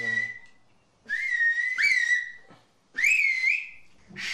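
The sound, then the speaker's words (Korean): Loud whistling of a whistled language in several long phrases, each sliding and bending in pitch like whistled speech, separated by short pauses, with no talking. “학교에서는 휘파람 언어를 정식으로 가르치고 있지 않아”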